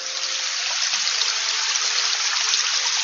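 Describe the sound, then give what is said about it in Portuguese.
Water runs steadily between stones in a continuous babbling rush, like a small stream, with no pauses and no voices. “da água a correr por entre as pedras.”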